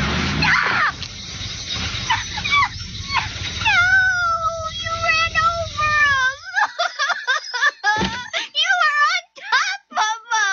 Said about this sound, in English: See, it's like it's got socks on. Never did care for black cats. Oh, they're so cute. Give them to me. Leave them in the box. No, let me have them. I don't want you hurting them.